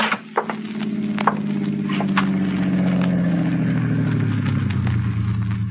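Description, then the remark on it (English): A car engine rumbles steadily as the car drives along a narrow, dusty roadway up to a newly erected, almost completed dam, its low drone gradually dropping in pitch as it slows, with scattered crunching clicks of tires rolling over the rough, gravelly road. “He had no way of knowing, of course, that because of that car, its occupant, a new and never-to-be-forgotten chapter in his life, was about to be written.”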